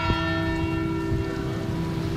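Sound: church bells ringing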